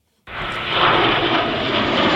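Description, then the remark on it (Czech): A loud, steady roar of JAS-39 Gripen fighter jets flying overhead at the Bahna military show in the Czech Republic kicks in abruptly and holds at full strength, a broad rushing engine noise with no voices. “Další bahna začala průletem stíhaček JAS-39 Gripen.”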